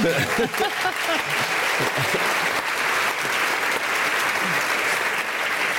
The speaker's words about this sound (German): Und mit einem großen Applaus erwarte ich jetzt